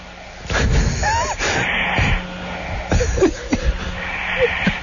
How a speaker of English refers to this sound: And listen to his snoring. Didn't I say it sounded like a little kid, like a child? Yeah. It doesn't have that coarse. No, it does not have that manly snore. Right. It sounds like my kid's snoring, sleeping.